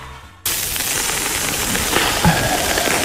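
A barbecue fire crackles and sizzles in a steady, dense hiss sprinkled with small pops, starting abruptly after a brief moment of quiet and holding an even loudness, with no one speaking.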